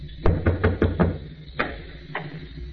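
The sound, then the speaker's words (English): Someone raps on a door: a quick run of five firm knocks, then two more spaced out and softer, with no voices. “I went upstairs, opened a bottle, and waited for your knock on my door, Commodore.”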